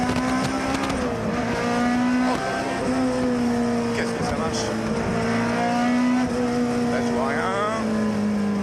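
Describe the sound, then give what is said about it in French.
A car engine roars loudly and continuously on a track, its strong droning pitch holding mostly steady with small rises and dips as the car accelerates and eases. “Le son est juste fabuleux. C'est une voie de plaisir cette voiture.”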